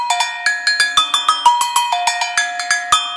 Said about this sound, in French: Qu'est-ce que c'est la gogo ? Les cloches à gogo, les tout tili tout tout titi.